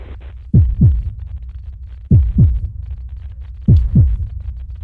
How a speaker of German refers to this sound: Es ist das Abnehmen der Schutzkappe bei einer Gasflasche.